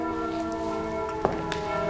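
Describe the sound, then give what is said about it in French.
Church bells from all the churches ring together at noon in a dense, sustained wash of overlapping tones that hold steady throughout, with a sharper clang standing out briefly partway through. No one speaks. “Avec les cloches, et ce sont les cloches de quelle église, ça ?”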